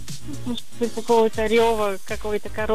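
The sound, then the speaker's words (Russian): A voice imitates the Wookiee Chewbacca from Star Wars speaking the Shyriiwook language: a run of loud, warbling moans and growls rising and falling in pitch, with short breaks between them and no ordinary talk. “Ты сначала послушай, предположи, откуда этот звук, а потом повтори.”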